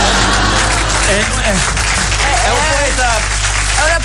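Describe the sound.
Steady applause from a small group fills the whole moment, a dense patter of clapping with a voice talking over it.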